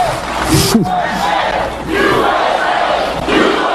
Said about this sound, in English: President Trump and the country getting an enthusiastic reception from a very happy crowd.